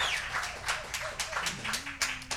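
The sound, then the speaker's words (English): An audience applauds the radio stations that air the program, clapping together in a steady, dense patter of hand claps that keeps an even loudness throughout, with a few whistle-like tones gliding above and below the noise. “Let's give those folks a nice round of applause for airing our program.”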